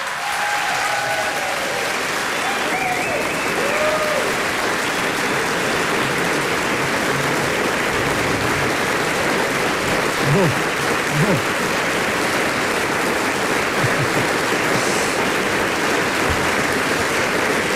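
Sustained, dense applause from a large concert audience at Kulturni dom Velenje, a steady wash of clapping that stays loud and even for the whole stretch, with a few brief whistles or cheers rising above it.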